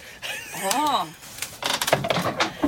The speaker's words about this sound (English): This was the shed that was supposed to be the garden shed with all the garden tools in it. Right. It's got a magnificent door and look at the handle. Yeah, that's another one I found. But it turned into... Get the door open. Ta-da! A museum shed.